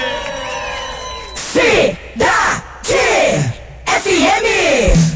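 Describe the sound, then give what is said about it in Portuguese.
Four loud, bellowing shouts in quick succession, each a long, strained, drawn-out yell, following a brief steady tonal hum at the start. “Adeus, grito do agro, vem aí!”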